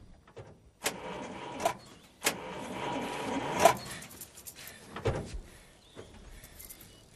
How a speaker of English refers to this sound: She drives off, but goes straight into a fence. Her car won't start.